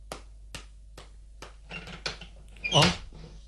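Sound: door creaking open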